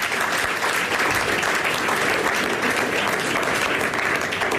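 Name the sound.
applause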